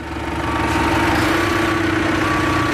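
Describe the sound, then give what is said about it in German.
A tractor engine runs steadily, a continuous loud diesel drone with a low rumble and a faint whine, at low speed as a woman reverses the tractor up to a machine she wants to hitch to it, with no one talking. “Konzentriert fährt Alexi Korfhage rückwärts mit einem Trecker an eine Maschine heran”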